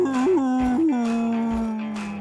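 A dog, Flea Roy of radio station 95.9 The Big Dog, howls in one long, loud note that bends upward in pitch a couple of times early on, then holds steady and slowly fades.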